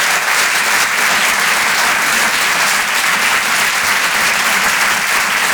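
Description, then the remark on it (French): Loud, sustained applause from an audience for a performer on Rire et Chanson, a dense steady roar of clapping hands that holds at full strength for several seconds with no voices on top. “On peut l'applaudir lui aussi très très fort, s'il vous plaît.”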